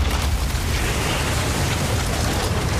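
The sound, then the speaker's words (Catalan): A huge brewery vat full to the top with dark beer bursts in London in a loud, sustained explosion, releasing thousands of litres of beer; a deep rumbling roar with rushing noise that stays steady for the whole few seconds, with no voices. “El soroll de l'explosió és tan gran que se sent des de mig Londres.”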